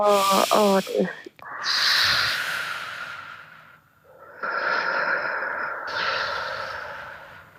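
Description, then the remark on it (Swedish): Long, drawn-out exhalations with a soft hissing, airy quality during a breathing exercise, following a brief voiced sound at the start; the breaths are let out as slowly as possible over several seconds with a short pause between them. “Då förlänger du utandningen så som du gjorde.”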